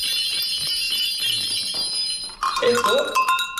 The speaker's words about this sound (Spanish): Bueno, cascabeles, veo también latas, esquilas, ¿no? Estas se utilizaban como las campanillas.